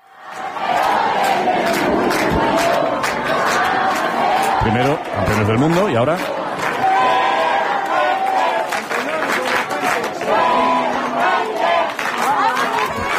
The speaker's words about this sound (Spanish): Ya sé que hablamos en este tono informal, medio tal, pero no sé si esto ocurre en muchos otros lugares donde coreen el nombre del seleccionador.